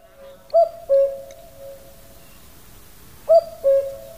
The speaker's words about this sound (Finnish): Tai tarkemmin sanottuna, että käki kukkuu innokkaasti. Oli itse asiassa aika vaikeaa löytää semmoista verkkasta käkeä, joka kukuttaisi vaan 5 sekunnin välein. Ne ei vissiin tee semmoista niin usein.